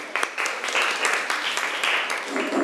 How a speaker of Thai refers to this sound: เก่งมากค่ะปรบมือให้เพื่อนหน่อย